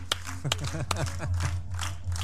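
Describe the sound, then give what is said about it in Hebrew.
A group of children clap their hands for King Hezekiah during a lesson, in a loose, uneven burst, with a few sharp claps standing out over a bed of chatter and a steady low hum. “חיות כפיים לחזקיהו.”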